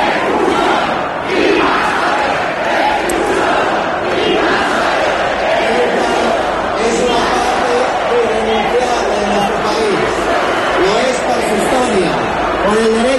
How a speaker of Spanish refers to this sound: Una protesta que transcurrió sin incidentes a pesar de los insultos al presidente. Y a pesar también de gritos como este "invasores, expulsión", que corearon los asistentes en varios momentos aquí durante la intervención del alcalde Almeida.